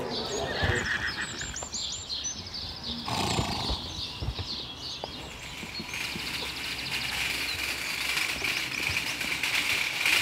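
Several horses whinny and neigh in high, wavering calls while hooves clatter and shuffle underneath, a busy, steady stable din with no talking, as an organic farmer feeds his horses at 6 in the morning, each horse having its own bucket.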